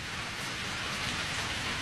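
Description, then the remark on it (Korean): Heavy rain pours down in a steady, dense hiss of countless drops, loud and unbroken from start to finish, with no voices. “기승을 부리는 폭우의 울부짖음이 그의 귓전으로 흘러들었다.”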